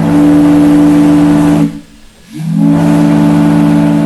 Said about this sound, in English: Here's what those horns sounded like over the years. The first fog signal at Point Wilson was installed in 1879. During periods of heavy fog, this steam-powered whistle could be heard for miles across the water.